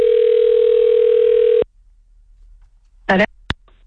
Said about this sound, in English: And we are calling up our winner, and judging by this phone number I'm dialing right now, we're going to the Alberta side of the border.